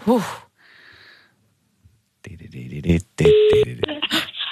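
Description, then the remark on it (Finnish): Telephone dialing tones and ringing as a dialed number is called: a short burst of electronic tones, then a steady ringing tone, followed by a mix of beeps and clicks with a voice-like warble among them, fairly loud. “Siellä on viikonloppu puhelin ollut latauksessa toivon mukaan ja valitsemani numero yleensä. Yes, piippa.”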